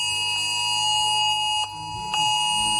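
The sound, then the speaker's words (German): A loud, steady Cell Broadcast emergency alert tone blares without pause from mobile phones in Germany during the national warning day test (Warntag), a harsh stack of high pitches like a phone emergency alarm, with brief dips in level near the end. “Ja, das hören wir immer am bundes- oder landesweiten Warntag, wo ja nicht nur getestet wird, ob alle Sirenen funktionieren, sondern eben auch Cell Broadcast. Da werden ja alle Handys mit erreicht, die im Umkreis von einem bestimmten Funkmasten sind.”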